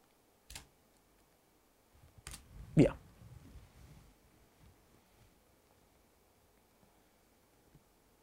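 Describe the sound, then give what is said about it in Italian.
A few sparse, sharp clicks, like keys being pressed on a computer keyboard, spaced irregularly over a quiet background, with faint low rustling between them. “Piccolo errore di digitazione.”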